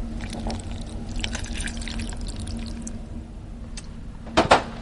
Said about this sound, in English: What we're doing now is just putting the chocolate into the small saucepan, and to that I'm going to add half a cup of water. Okay, and I just pour it on top? Just pour it right on.